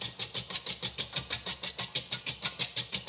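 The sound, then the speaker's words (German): Fast, steady whisking of zabaglione in a bowl: about eighteen even, scraping strokes in three seconds, with a low rhythmic churning that sounds like an old washing machine. No voices. “Ja, das hört sich an wie Omas alte Waschmaschine, was du hier gerade machst.”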